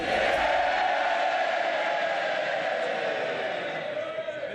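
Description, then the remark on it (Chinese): In the House of Commons, Labour MPs erupt into loud, sustained cheering and shouting as Andy Burnham is sworn in as member for Makerfield. A dense roar of many voices holds steady for several seconds before easing slightly at the end. “在下议院，当伯纳姆宣誓就职默克菲尔选区议员时，工党议员们爆发出热烈的欢呼声。”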